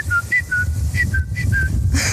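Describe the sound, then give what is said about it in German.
A bird whose song heralds the coming of spring sings a quick series of clear, whistled notes alternating between two pitches in a steady, repeating rhythm over a low outdoor rumble. “Da ist das Wetter egal, wenn ich den Vogel höre, weiß ich, es wird Frühling.”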